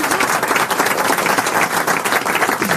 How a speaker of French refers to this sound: Ouais, vraiment, on peut l'applaudir.